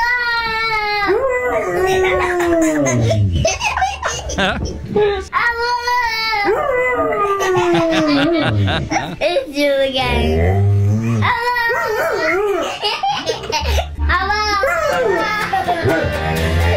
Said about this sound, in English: This little boy and his Labrador Retriever. Apparently, they can talk to one another.